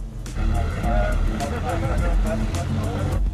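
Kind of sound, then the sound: vehicle, car approaching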